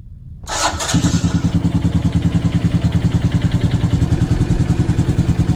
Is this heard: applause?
no